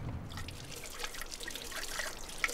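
water trickling

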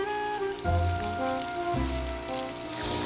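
water spraying

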